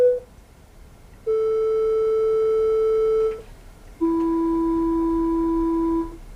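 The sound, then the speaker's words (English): Steady electronic tones giving the frequencies of Pythagoras's hammers, one per hammer: a brief blip, then a sustained hum lasting about two seconds, a pause, and a second long tone at a noticeably lower pitch. No one speaks. “So these are the sounds for each of the hammers.”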